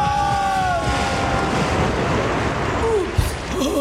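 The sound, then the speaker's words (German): A huge splash and rushing flood wave of water as a heavy woman jumps from a 10-metre diving board, roaring loudly and continuously, with faint whistling tones early on and a heavy thud near the end. “die dicke Frau Hildegard auf dem 10 Meter Brett. Nein, nicht halt, nicht springen”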